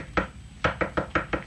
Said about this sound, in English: I knocked on the door. I waited a little then.